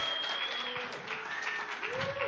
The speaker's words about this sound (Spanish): Un aplauso para la música.